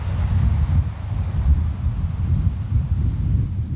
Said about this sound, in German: In der Ferne rauscht das Meer, ein paar Vögel sind zu hören und sonst nichts. Besonders schön ist es hier in der Nebensaison, wenn nur das Meer rauscht und der Wind durch die Gräser streicht.